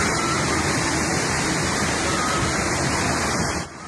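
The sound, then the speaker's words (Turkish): Floodwater from heavy rainfall pours into a house in the Tepealan neighbourhood of Korgan district, Ordu, Turkey, with a loud, steady waterfall-like roar, a dense continuous rush that fills the whole clip before easing slightly at the very end. “Tepealan mahallesinde bir eve dolan suyun şelale gibi aktığı görüldü.”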